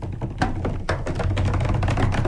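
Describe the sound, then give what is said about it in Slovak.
Light, rapid tapping patters continuously like fine drizzle, made by fingers drumming on a body rather than real rain, with a few sharper taps standing out. No one speaks. “Tak teraz mrhli.”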